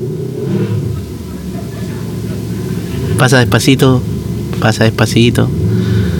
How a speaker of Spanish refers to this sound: Pasa despacito. Eso, muy bien. Ojalá te quedes sin benzina. La sonajera que pasa con esa moto por aquí afuera siempre.